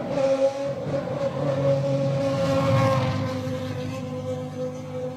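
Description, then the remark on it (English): A Formula One race car engine drones loudly and steadily for several seconds, a buzzing harmonic roar that holds its pitch with slight wavering, with no voices. “So this is what an F1 would sound like, right?”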